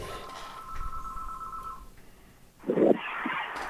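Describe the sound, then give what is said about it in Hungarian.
A telephone rings for an incoming listener call, a steady electronic tone lasting a couple of seconds, followed by a brief pause and then a louder burst of line noise as it connects. “de akkor ezt mindjárt folytatom a telefon után.”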